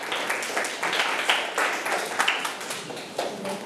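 A group of students in a math class claps together for a classmate's correct answer in a dense, steady burst of applause, many hands overlapping into a bright, crackling patter that holds at an even level for a few seconds.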